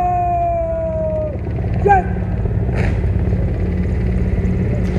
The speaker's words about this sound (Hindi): और इस समय आकाश में जो स्वर हमें सुनाई दे रहे, ध्वनि सुनाई दे रही है, वो उन हेलीकॉप्टर्स की है जो पुष्प वर्षा करते हुए लाल किले के प्राचीर के ऊपर से गुजर रहे हैं और लोगों की निगाह उसी आसमान की तरफ है।